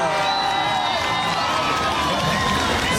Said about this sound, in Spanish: Con nosotros vamos a recibir con fuertes aplausos al general del pueblo, al futuro alcalde de Lima, Daniel Urresti Herrera.